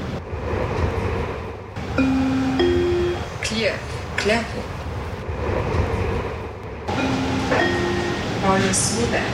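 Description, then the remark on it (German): Steady, loud rumble inside a moving, nearly empty train carriage, with rising and falling whines and tonal beeps cutting in twice over the continuous clatter and hum. “Jakob konnte gar nicht anders, als im Zug einzuschlafen, was dazu geführt hat, dass er seinen Halt verpasste.”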